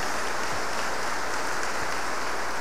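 A church audience claps together to acclaim the word of God, in steady, dense applause, a continuous crackling wash of many hands with no voices over it, holding at an even level throughout.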